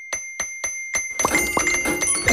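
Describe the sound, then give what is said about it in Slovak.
A bright notification ding of an extra payout arriving in a bank account rings four times in a quick, even rhythm, then dissolves into a dense, glittering flurry of ringing chimes and jingles, clear with no voices. “Je to cinknutie extra výplaty na účet.”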